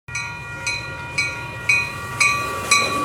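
A train rolls along railway tracks with a steady low rumble, wheels clacking rhythmically about twice a second, and a thin metallic whine ringing over the top. No voices.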